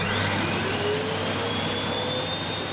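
A vacuum cleaner runs steadily and loudly, its constant rushing roar carrying a high motor whine that creeps slightly upward in pitch, with no voices.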